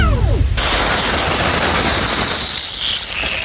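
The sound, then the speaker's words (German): A broad, steady hiss of water spraying from a garden hose, starting after a brief low rumbling opening and holding loud and even to the end, with no voices. “Ich könnte jetzt sagen, ich habe was in der Hand, was spritzt. Das ist mein Gartenschlauch.”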